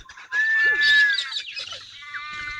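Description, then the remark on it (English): A dawn chorus of birds in Eastern Australia, many calls overlapping into a dense, continuous wash of whistles and chatter, moderately loud, with no one speaking. “There are now birds winging back and forth everywhere in the sky.”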